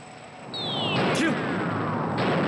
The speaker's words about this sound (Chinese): 民族争取解放的炮声。 抗日战争全面展开，长辛店在激战，居庸关在激战，南口在激战，北平在激战。